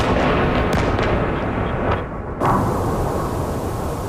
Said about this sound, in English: Explosions in Kyiv, where officials say at least 4 people died. Ukraine's military says Russia fired more than 70 missiles and 650 drones. Kyiv and Dnipro were the main targets.